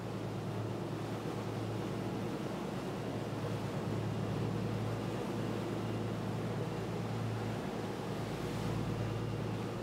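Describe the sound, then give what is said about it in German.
Steady, loud wash of sea water and wind noise with a low engine-like hum underneath, recorded aboard a fishing boat on strengthening rough sea off Fornells, Menorca; no one speaks. “Der Wellengang wird stärker.”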